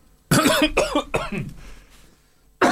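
Three harsh, loud coughs in quick succession, followed by a raspy fading breath and a brief pause before another cough bursts in at the end, as someone chokes while drinking water.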